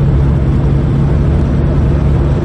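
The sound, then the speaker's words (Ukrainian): A heavy Grad rocket launcher truck, loaded with rockets, rumbles steadily and loudly, a deep continuous drone with no pauses, as it drives out to its firing positions. “І знову виїжджає на стартові позиції.”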